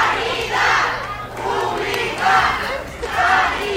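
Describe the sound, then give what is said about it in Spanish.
A crowd of workers from the Hospital Ramón y Cajal in Madrid chants the slogan "Sanidad Pública" in unison as president Isabel Díaz Ayuso arrives at the centre, loud repeated shouted phrases in a steady rhythm, roughly four bursts with brief dips between them. “Esta mañana visitaba el nuevo servicio de cardiología Madrid 365 y así lo escuchan al grito de Sanidad Pública la han recibido.”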